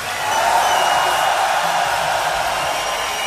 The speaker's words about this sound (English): We'd like to take a moment and ask you all to give an incredible roar of applause in memory of the great …. An even louder roar of applause to the great ….